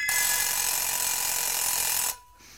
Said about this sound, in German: Der Wecker.